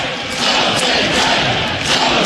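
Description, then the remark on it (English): A stadium crowd at a Nebraska baseball game roars and cheers continuously after Drew Griego's bases-loaded home run to deep right center field puts Nebraska up 13-6, a loud, dense wash of voices with scattered shouts rising above it, sustained steadily throughout. “Big Red, and listen to the crowd.”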